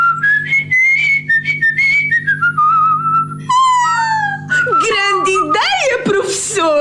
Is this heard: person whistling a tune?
yes